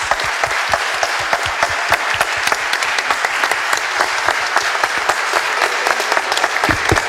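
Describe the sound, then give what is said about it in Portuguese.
People in the Itamaraju municipal council chamber in Brazil clap steadily for nurses, many hands at once, dense and sustained for several seconds with sharp overlapping claps, fairly loud, no voices standing out. “Eu quero aqui, senhor presidente, em nome da Câmara Municipal de Itamaraju, pela responsabilidade de ter votado esse projeto, pedir uma salva de palmas a todos os nossos enfermeiros.”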